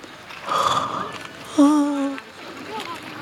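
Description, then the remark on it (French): A voice gives a drawn-out, voiced yawn: a breathy rising sound, then a steady, low, humming tone lasting about half a second before trailing off into quiet breathing. “Il se met à bâiller.”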